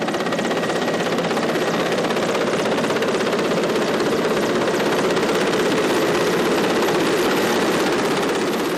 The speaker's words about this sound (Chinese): 下午5点。直升机再次飞抵核心区，不同的是，这次飞机下方有绳索和吊篮。